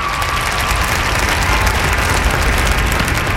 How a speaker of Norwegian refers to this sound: og kledet som dekte den 3,5 meter høye statuen kom av. Humorkongen, laksekongen, folkekongen, han viste sitt sanne jeg, og så er det applaus.